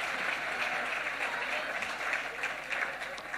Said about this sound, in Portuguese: Saúda o público, aplaude todo o público, público menudo, tamén as autoridades que se ven sorprendidas.